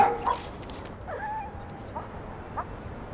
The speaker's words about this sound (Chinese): 哪儿狗叫？ 我不知道啊。